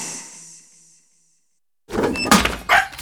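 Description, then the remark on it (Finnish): A dog tears up a paper letter, an electricity bill: after a short fading hiss and a pause, loud ripping and shredding bursts in quick succession, with no talking. “Ei Musti! Sinne meni sähkölasku. Ota käyttöön Omapostin digipostilaatikko. Ei enää revittyjä kirjeitä.”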